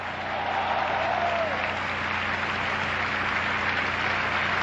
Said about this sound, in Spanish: ¡Denle un aplauso!